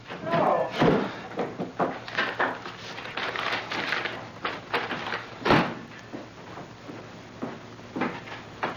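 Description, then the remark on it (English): A screen door slams shut with a sharp bang, followed by another hard knock a few seconds later, while people talk and bustle in the room. “Don't leave the screen door open!”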